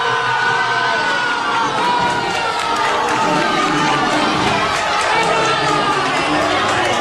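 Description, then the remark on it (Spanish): A packed crowd in a hospitality venue in Águilas, watching a match broadcast, erupts in loud, sustained cheering and shouting for Yasser's free-kick goal, many voices overlapping in a dense, continuous roar that holds steady for the whole stretch. “Todo felicidad y también vamos a compartir con ustedes una secuencia de cuando Yasser coló el gol de falta en uno de los locales de hostelería de Águilas que estaban repletos viendo la retransmisión del partido.”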